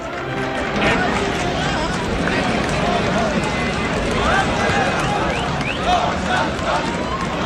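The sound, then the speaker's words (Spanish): A dense, loud crowd at a bullfight in Seville roars and cheers without pause as bullfighter Morante de la Puebla is carried on shoulders through the Puerta del Príncipe, many voices shouting over one another with scattered higher calls rising above the steady din. “Así sacaban a hombros a Morante de la Puebla por la Puerta del Príncipe.”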